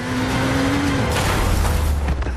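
A motorcycle engine whines steadily as it speeds down an alley before a sudden loud crash of impact about a second in, followed by noisy rumbling and clatter as the motorcycle collides with a passenger car coming from the side.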